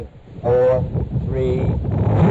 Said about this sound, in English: Engine sequence start. Engines on.